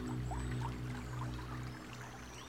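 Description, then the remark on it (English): A soft, steady trickle of stream water in a green forest runs continuously, with a faint low hum underneath and occasional light bird chirps scattered through it. “There are birds singing, and there is the gentle sound of water.”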